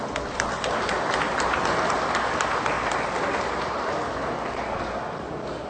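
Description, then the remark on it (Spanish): A crowd applauds steadily as farmers' and ranchers' associations from Chalatenango are announced, a dense wash of many hands clapping at an even, sustained loudness for several seconds with no voices over it. “San Antonio Pajonal, Asociación de Agricultores y Ganaderos de San Antonio Pajonal, ASAGROSAT, un caluroso aplauso.”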